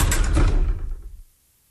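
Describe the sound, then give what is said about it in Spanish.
A door lock mechanism engages with a single loud mechanical clunk and rattle, locking the door so it no longer opens from the inside, fading out after about a second, followed by silence. “La puerta dejó de abrirse por dentro.”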